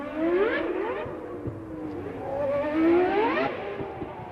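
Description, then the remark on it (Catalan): A car engine hums from inside the cabin, revving up twice in smooth rising whines that fall back between, steady with a low rumble underneath. “Ens posam en situació i entram dins un cotxe, encara que també ens valdria un simulador.”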